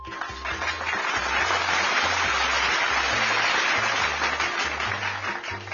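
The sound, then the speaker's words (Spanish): A crowd applauds steadily for the people of Unión Radio and Banco del Libro, dense clapping filling the whole stretch at a fairly loud level, with a low background hum underneath and no clear voices. “Para ellos, aplausos.”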